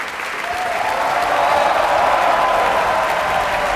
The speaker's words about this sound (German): Als nächstes erwarten wir hier vermutlich Morgana. Hier kommt sie, Elsa Benoit. Großer Applaus.